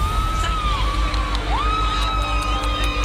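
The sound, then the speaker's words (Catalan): A large outdoor crowd on the beach at Platja de Palma, Mallorca, at night shouts and cheers in a steady, continuous roar, with whistle-like tones gliding up and down above the noise and a deep rumble underneath. “La platja de Palma, els crits,”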